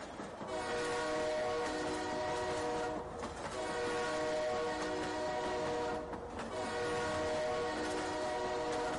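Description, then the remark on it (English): A train horn blares in long sustained blasts, loud, with brief breaks between them over the steady rumble of a passing train. No voices are heard. “Oh God, train they come, train they come.”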